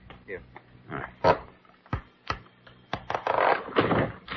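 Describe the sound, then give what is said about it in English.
A desk drawer's false bottom is pried loose with a letter opener: irregular creaks, squeaky scrapes and sharp clicks in uneven bursts, growing into a louder, grinding stretch of rasping wood near the end. “Can you take out that false bottom, Dr. Kildare? Yes. Hand me that letter opener, please.”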